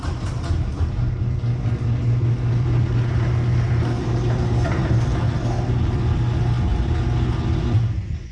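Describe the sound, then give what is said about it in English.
A motorized door runs on new premium nylon rollers for about eight seconds, a steady, smooth low mechanical hum with a slight buzz from the motor and no clatter, holding an even loudness throughout with no voices. “play the audio of my new premium nylon rollers”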